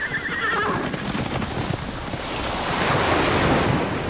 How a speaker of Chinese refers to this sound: 大海